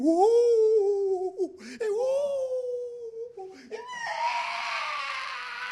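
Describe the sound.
A voice imitates eerie guttural screams and drawn-out wails, sliding up and down in pitch across several long, loud cries, ending in a rougher, strained howl.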